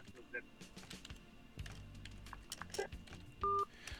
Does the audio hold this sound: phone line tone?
yes